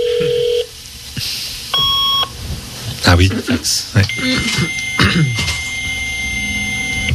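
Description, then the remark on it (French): A dial-up modem connecting: steady tones and beeps, then harsh bursts of screeching, warbling noise and sustained high whines. A couple of voices briefly react over it. “Le modem, ça.”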